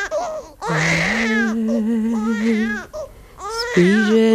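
baby crying

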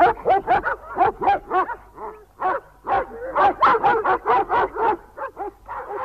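dogs barking

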